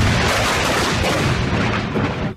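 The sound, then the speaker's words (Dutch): A loud, sustained explosive roar with crackling and rumbling blasts, a sound effect of the 1654 explosion of a gunpowder storehouse in the city centre of Delft, filling the whole stretch before fading slightly at the end. No voices. “In 1654, een ontploffing van een opslagplaats voor buskruid in de binnenstad van Delft leidt tot vele doden en grote schade.”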